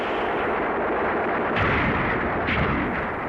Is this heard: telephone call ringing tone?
no